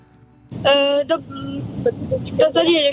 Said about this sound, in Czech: Mám pocit, jste v autě někde, nebo se mi to zdá? Ano, jsme v autě. Kam jedete?